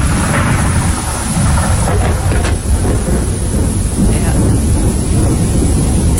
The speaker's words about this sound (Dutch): Effectief met donder en met regen en met zeer veel grijzigheid. Je ziet eigenlijk niks meer van de kust.